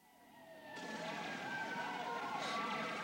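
Air raid sirens wail over London with slow rising and falling tones, several overlapping pitches swelling louder and then holding steady, as German bombers approach and people run to shelters.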